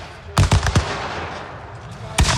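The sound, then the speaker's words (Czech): A quick burst of four sharp gunshots cracks out, then a lone heavy blast follows after a pause, all over a steady outdoor rumble: gunfire and cannon salvos at a battle reenactment on the battlefield at Chlum near Hradec Králové. “Střelba a dělové salvy při rekonstrukci byly ovšem jenom zlomkem toho, co tady na bojišti znělo před 160 lety.”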